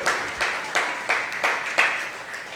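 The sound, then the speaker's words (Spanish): A crowd claps for the Lord in the morning during a sermon, together in a steady rhythm, roughly three claps per second, the sound bright and fairly loud, with no voices heard over it. “Denle palmas al Señor esta mañana.”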